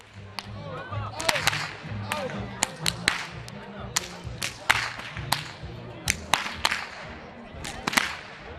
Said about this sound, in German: Wie im Mansfelder Grund werden auch in Annerode die Peitschen geknallt, um den Winter auch hier endgültig zu vertreiben.